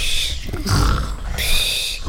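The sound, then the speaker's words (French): A wolf's loud snore with a deep, rasping, growl-like rumble, drawn out over two long breaths in quick succession. “Le chasseur passe et entend des ronflements.”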